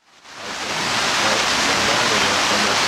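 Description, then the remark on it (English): Steady rain pours down outdoors in Jackson Hole, a dense, continuous hiss that swells in over the first second and then holds at an even, fairly loud level with no voices. “Joining us now on set here in a rainy Jackson Hole”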